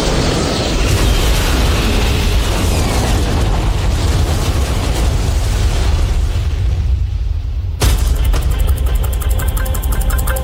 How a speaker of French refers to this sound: Ce soir, le vol Air France est assuré par cet appareil, un Airbus A330, avec à son bord un équipage de 12 personnes. À 21h29, l'avion décolle. 4h30 plus tard, le vol 447 se désintègre en percutant l'océan Atlantique.